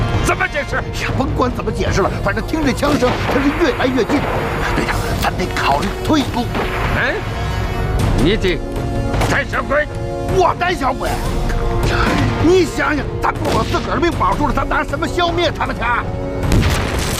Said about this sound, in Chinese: 呀，甭管怎么解释了，反正听这枪声，它是越来越近。队长，咱得考虑退路。